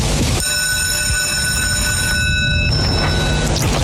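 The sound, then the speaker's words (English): A greyhound track's mechanical lure at Central whirs along its rail at the start of the night's first four-bend race, grade A3, with a steady, high whining drone over rumbling noise, starting abruptly and holding for about three seconds before fading out. “All in, checks over, bunnies on the move.”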